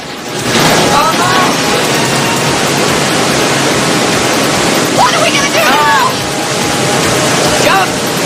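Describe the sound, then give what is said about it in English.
A loud, steady roar of rushing river rapids leading to a waterfall fills the whole recording as a car with two people aboard floats down the rapids between rocks and trees, a dense wash of churning water with a few brief voice-like cries rising over it. “The rapids pick up, and the pair spot a waterfall up ahead.”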